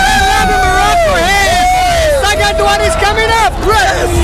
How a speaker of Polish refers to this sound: To radość brazylijskich i marokańskich kibiców po strzelonych bramkach.